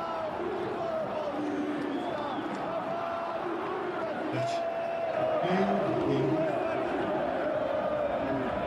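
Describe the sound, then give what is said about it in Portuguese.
A large crowd of football fans at Morumbi stadium in São Paulo chants together during the second half of a match between São Paulo and Boca, a steady, sustained roar at a moderate, even level with no clear individual voices. “Torcida tá cantando aí”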